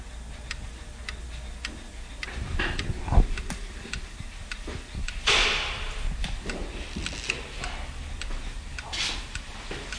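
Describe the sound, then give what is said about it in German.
Many clocks tick at once in a watchmaker's shop, their crisp, overlapping beats forming a steady, layered clatter, with a brief soft rustle partway through and no one speaking. “Also habe ich mich auf den Weg zu einem Uhrmacher begeben und ihn erzählen lassen. Zur Zeit, zu Uhren, zu Zeitmessern.”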